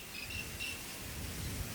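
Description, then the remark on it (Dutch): Several crickets chirp in steady, high-pitched trills, faint against a constant hiss of background noise, with no voices. “Een soort insect. Een beetje krekelachtig. Dat zouden zeker krekels kunnen zijn.”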